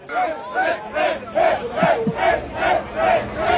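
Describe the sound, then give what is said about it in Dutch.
The team of racing driver Jeroen Blekemolen cheers after he won the SP10 class at the Nürburgring. It is a small group chanting in rhythmic unison, with loud shouted bursts repeating roughly twice a second and excited voices overlapping. No speech is clear. “Ja, dat is het gejuich bij het team van onze eigen Jeroen Blekemolen, die in de zogeheten SP10-klasse won.”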